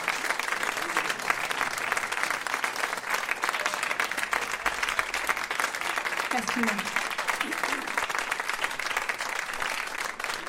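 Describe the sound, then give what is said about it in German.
Sustained audience applause for a performer at an evening music performance, at a steady, dense level for about ten seconds, many hands clapping together without pause, with a faint murmur of voices briefly underneath. “Applaus.”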